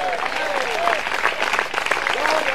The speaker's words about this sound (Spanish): ¿Cuántos alaban al Señor? Porque todavía hay lugar en la casa del Señor. Denle fuerte ese aplauso.